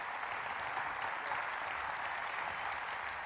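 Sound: crowd applauding and cheering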